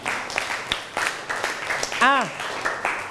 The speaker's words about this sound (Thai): นั่งลงนะครับปรบมือให้กับเพื่อน